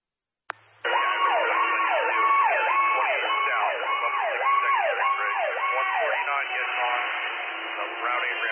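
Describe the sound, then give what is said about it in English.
After a brief click, a fire engine siren wails in quick, repeating rising and falling sweeps. It comes through a narrow, tinny fire radio channel, making the engine's radio call unreadable, and stays loud and steady throughout. “102 engine 2, if you were trying to call, you're unreadable with the siren.”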